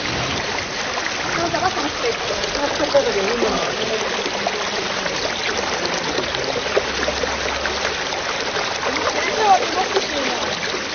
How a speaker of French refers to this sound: Ici, une rivière très claire sort d'une gorge étroite et des bouches de la montagne. C'est la rivière Alcantara. Et elle débouche ici dans un défilé, donc, qui est un défilé extraordinaire, de couleur grise, une roche très polie